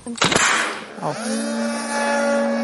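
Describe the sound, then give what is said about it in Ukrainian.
An air pump charges a military drone launch catapult as soldiers prepare a drone for takeoff: a short mechanical clatter, then a motor spins up and settles into a steady, buzzing whine that continues evenly. “Зараз накачуємо катапульту до определеного моменту.”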